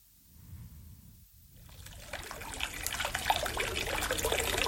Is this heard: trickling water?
yes